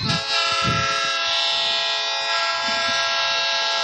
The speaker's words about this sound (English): So there's the old train horn. Getting ready for this second half to get started.